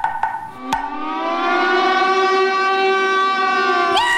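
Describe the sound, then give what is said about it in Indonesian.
A tsunami warning alarm sounds, a loud, steady wailing siren with several layered tones rising in after a couple of sharp clicks and holding for several seconds without any talking. “Ah, alarm tsunami bunyi. Ah, harus lari ke tempat tinggi.”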